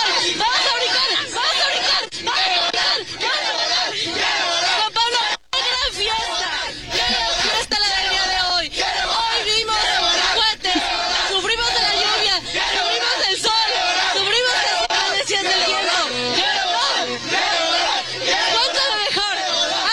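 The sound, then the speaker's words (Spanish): A dense crowd of about 50,000 people in the Zócalo of Mexico City roars continuously, celebrating a 2-0 win, a loud wash of many voices with shouts and whoops rising from it and a brief dropout early on. “50,000 personas vibrando en el Zócalo de la Ciudad de México.”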